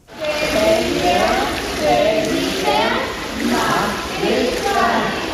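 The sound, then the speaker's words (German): Water splashes and sloshes continuously in an echoing indoor swimming pool during a children's swimming lesson, as ten children and four swimming instructors stand in the water holding hands and slowly turn in a circle, with children's voices chattering and calling out over the steady splashing. “Zehn Kinder und 4 Schwimmlehrerinnen und Lehrer stehen im Wasser, halten sich an den Händen und drehen sich gemeinsam langsam im Kreis.”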